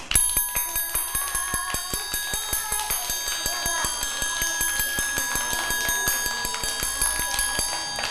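Quick, steady taps struck again and again in an even rhythm, about four per second, each a sharp click with a bright, ringing metallic tone, continuing throughout without any voices.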